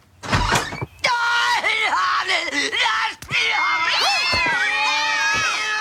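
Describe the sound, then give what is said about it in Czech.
Several cats meow and yowl in quick, overlapping bursts, loud, with a brief thump partway through and a busy, chaotic cartoon-like feel throughout, from The Simpsons, where a crazy cat lady throws her cats at passers-by. “Dnes bláznivé kočičí dámy známe například ze seriálu Simpsonovi, kde jedna taková hází svoje kočky po kolem jdoucích.”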